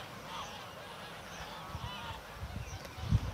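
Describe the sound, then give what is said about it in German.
A goose honks repeatedly in harsh, agitated bursts while being chased by a raven, over a steady outdoor rumble, with a brief low thump near the end. “Der Rabe jagt so lang, bis die Gans erschöpft anhält.”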